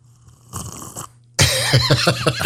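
A person's slurping sound played on Ujala Radio: a short, soft airy suck, a brief pause, then a loud, wet slurp that gurgles and bubbles in quick uneven pulses until the end, with no talking.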